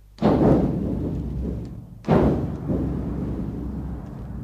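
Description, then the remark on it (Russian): Artillery shelling of a city district: two heavy, low booms about two seconds apart, each hitting suddenly and trailing off into a deep rolling rumble that lingers underneath. No voices. “Район подвергается артиллерийскому обстрелу.”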